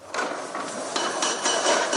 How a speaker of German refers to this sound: Noch hört man auf der Plaza de Cibeles Baulärm. Arbeiter legen auf den Gerüsttürmen für die große Sonntagsmesse letzte Hand an.